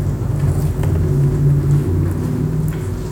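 A deep, continuous traffic rumble from cars passing overhead on the street, heard from a dark space beneath it, muffled and heavy in the low end, holding steady for a few seconds without voices.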